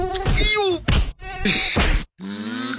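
In an advertisement for Autan mosquito repellent, a person who does not use the repellent groans and sighs strainedly, with a sharp slap-like hit midway, and a thin, droning mosquito whine rises near the end, all fairly loud.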